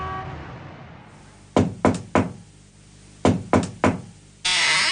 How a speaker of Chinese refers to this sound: 随着一阵敲门声，房门打开了，从屋子里露出的是一张苍白的脸。